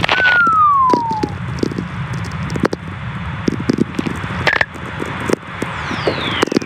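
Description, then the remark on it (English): Whistler radio tones caused by lightning, recorded by Stephen McCreevy in a Nevada desert: a clear, smooth descending glide at the start and a fainter high falling whistle near the end, over a constant hiss peppered with sharp crackling clicks. “Whistlers, they're called.”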